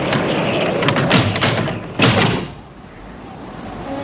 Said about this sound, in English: Another set of doors flap in the wind. Bond hurries to close them.